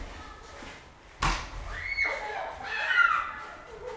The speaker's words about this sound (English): They're getting all this snow off the top of the cars, like bigger and bigger snowballs, and throwing them hurtling through the air at one another's heads. Should I have maybe you can hear it? Yeah, let's listen to the snowball fight.